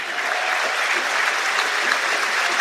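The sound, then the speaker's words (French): A large football crowd applauds warmly for goalscorer Valentin Fus, scorer of the equalising penalty, as he leaves the field, substituted by Eladji Eni; a dense, steady wash of clapping that stays loud and even throughout, with no voices standing out. “Très applaudi le buteur, l'auteur du pénalty de l'égalisation.”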